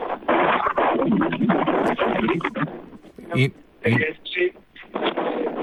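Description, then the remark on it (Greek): Wind buffets a muffled phone line as the mayor of Mandra calls in from outdoors, a loud, rough rumbling roar that smothers his voice for the first few seconds, then breaks into choppy bursts of speech. “Δεν μπορούμε να σας ακούσουμε, Δήμαρχε, δεν ξέρω, προφανώς είστε σε εξωτερικό χώρο και φυσάει, αλλά...”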